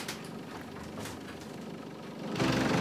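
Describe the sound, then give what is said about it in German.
The engine of a restored 1926 vintage bus, from the USA, rumbles steadily with a low, uneven diesel throb, then swells louder near the end as the bus pulls up and keeps idling. “Diesen Bus und seinen Fahrer kennt hier in der Gegend jeder.”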